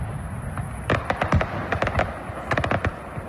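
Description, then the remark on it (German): A rapid series of sharp fireworks bangs and crackles bursts out in irregular clusters over a steady low rumble, with a loud flurry in the middle and another near the end, from the Kiliani opening fireworks display in the evening. “Das war gestern Abend das Eröffnungsfeuerwerk vom Kiliani.”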